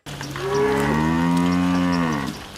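A single long, loud cow moo, a deep sustained bellow lasting a couple of seconds, with faint outdoor background noise and no talking, as cows are driven out to pasture at an organic farm in Denkendorf, Baden-Württemberg.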